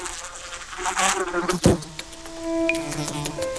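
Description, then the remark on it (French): A housefly (Musca domestica) buzzes against a window pane, its droning whine rising and falling in pitch, with a brief sharp tap midway as it bumps the glass. No one speaks. “Notre bestiole, qui ne peut pas voir les vitres, malgré des yeux qui prennent toute la place sur sa tête, est une superbe mouche. Et plus précisément, une Musca domestica, une mouche domestique.”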